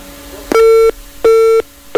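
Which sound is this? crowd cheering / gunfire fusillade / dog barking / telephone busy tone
telephone busy tone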